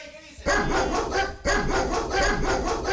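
A dog barks loudly: two strong, harsh barks about a second apart, each trailing into a sustained, rough growling tone, with faint background noise before the first.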